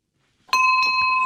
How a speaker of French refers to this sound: Voilà, c'est le son de la cloche, c'est parfait.